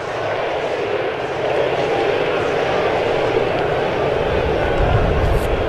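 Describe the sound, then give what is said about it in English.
A large ballpark crowd at a Mariners baseball game against the A's chants the player's initials "JP" in unison during the fourth inning, a dense, steady roar of many voices filling the whole stretch with no pauses. “Crowd chanting JP, JP.”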